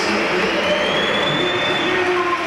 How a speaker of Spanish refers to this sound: Bueno, yo creo que más aplausos, hay algún que otro pito, pero... Más aplausos para Vini Junior. Es que hay uno que pita muy bien.